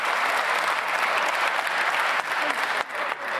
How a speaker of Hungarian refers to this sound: Ez lesz a divat, hogyha olyat mond az ellenzéki képviselő, akkor tapsolással belefolytják a szót, esetleg meg is vonják.